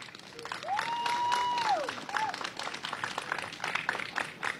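A crowd applauds with dense, steady clapping for several seconds. A long rising-and-falling whistle cuts through early on, followed by a brief second whistle.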